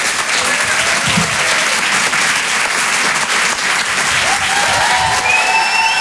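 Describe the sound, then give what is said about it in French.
Loud, sustained applause from an audience at the Rire et Chanson Comedy Club as a comedian is called to the stage, dense clapping filling the whole stretch, with whoops and cheers rising above it. “Faites du bruit s'il vous plaît pour Myriam Barouk.”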